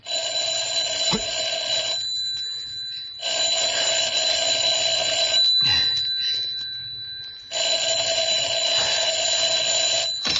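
A telephone rings with a loud, metallic bell in three long bursts separated by short pauses, clear, with no voices.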